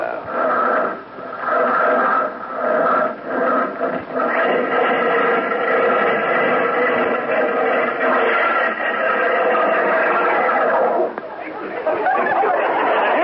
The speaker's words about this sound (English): Sound of that Stutz Bearcat engine under the hood there. You know what? It sounds like the bear's trying to claw its way out to me. Tell me this. How come it stalled like that?